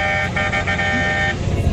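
A vehicle horn on the Fernão Dias highway in Brazil blares in one sustained, steady honk lasting nearly two seconds, loud, with a faint pulsing wobble in its tone and road rumble underneath.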